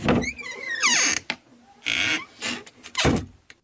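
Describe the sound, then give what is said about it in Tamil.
A door creaks and groans as it swings open, with a rising squeal and a few dull thunks and knocks as it is handled, moderately loud. “சந்திர குரல் மாதிரி இருக்கு, கதவு திறப்போம்.”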